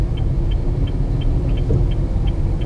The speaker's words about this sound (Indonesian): Ini bundaran yang ke pertama ini jadi macet sejak ditimbulkan karena volume kendaraan sangat banyak dari motor, mobil, bahkan tadi 4 lajur terus sebenarnya untuk 2 lajur terhenti di situ.